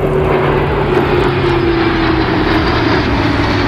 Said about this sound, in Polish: Nad ranem odbyła się próba generalna, wcześniej w nocy Wisłostradą przejechał ciężki sprzęt, a wczoraj nad Wisłą latały wojskowe myśliwce i helikoptery.